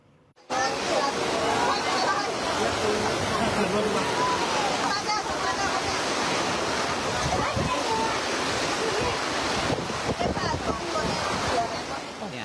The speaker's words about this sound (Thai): พ่อค้าแม่ค้าตั้งของจะขายไม่ได้เย็นวันนี้ที่สระบุรีนะที่ชัยภูมิขออภัยที่ชัยภูมิปรากฏว่ายังไม่ทันได้ขายของเลยฝนมาถล่มซะแล้วครับ